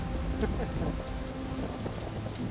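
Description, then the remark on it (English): Steady heavy rain pours down in a dense, continuous hiss, with a low rumble underneath, during a storm at sea aboard a container ship bound for Canada, with no voices. “Oh, it's a storm!”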